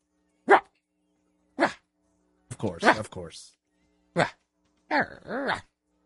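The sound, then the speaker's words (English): A voice imitates a small Shih Tzu's yappy barking: sharp, isolated yips with pauses between, a quick flurry in the middle, and a final two-part bark, clear with no other sound. “That's a little Shih Tzu bark.”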